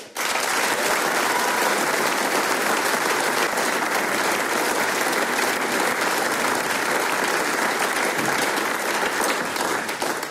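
A large audience gives a big final applause for the performers, clapping steadily in a dense, sustained wave that stays loud and even for about ten seconds, with no voices standing out.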